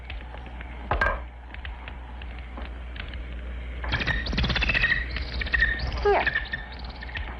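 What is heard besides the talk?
bird chirping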